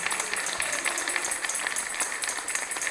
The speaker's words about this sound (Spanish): Démosle un aplauso al Señor en esta noche.